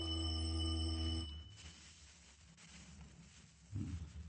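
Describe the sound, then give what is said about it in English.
A doorbell gives one loud, steady buzzing ring lasting just over a second, then stops abruptly, leaving quiet background noise and a soft muffled thump near the end. “Go on, ring the bell.”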